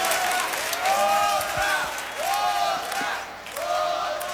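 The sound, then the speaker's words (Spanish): An audience applauds steadily throughout for the Juvenil Azteca, a dense wash of clapping mixed with cheering and rising whoops from the crowd that swell and fade in waves, loud and sustained. “Un fuerte aplauso al Juvenil Azteca.”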